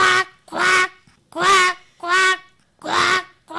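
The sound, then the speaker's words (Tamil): A school student performing mimicry imitates a duck, giving five loud, nasal quacks in a steady rhythm with short pauses between them. “இது பேர் வாத்து.”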